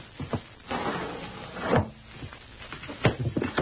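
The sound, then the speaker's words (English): A window of a house being forced open to get in: steady scraping and rattling strain, punctuated by two sharp knocks as the frame gives, moderately loud, with no voices. “We get in somehow with as little fuss as possible. Well, we will just try this window.”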